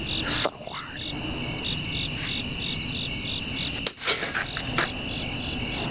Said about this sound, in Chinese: 蚊子没打着，这回打着。